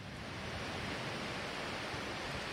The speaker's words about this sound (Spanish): Esta es la situación que se vive en estos momentos aquí en Cataluña. Ya lo están viendo, no para de llover